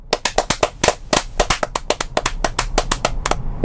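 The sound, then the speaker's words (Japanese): A few people clap their hands in quick, uneven applause to open a band meeting. Sharp claps overlap for a few seconds, moderately loud, with no voices. “それではバンドミーティングを始めます。拍手。”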